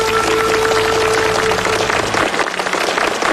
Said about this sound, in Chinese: 也再次掌声感谢崇院长今天带来的分享，谢谢您。